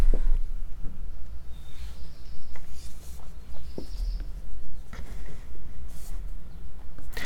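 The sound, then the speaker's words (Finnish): A black redstart sings in short scratchy, crackling phrases broken by a few thin high whistles, set against a steady low outdoor rumble with no one talking. “Tässä sirkuttaa ensi viikon 34 luontoääni täällä Yle Radio Yhdessä Mustaleppälintu.”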